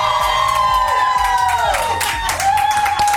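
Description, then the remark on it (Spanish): A loud crowd shouts and cheers continuously, with high-pitched screams and whoops rising and falling over a dense roar of voices for about three seconds. “Para que te vuelvas a emocionar, otro grito, Exalovers, ¡que se sienta!”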